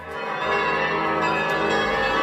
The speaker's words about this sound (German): Klangkünstler Wolfgang Spier hat dort eine Art Soundkarte gebaut. Man wählt einen Ort aus und plötzlich hört man zum Beispiel die Kirchenglocken aus der Region.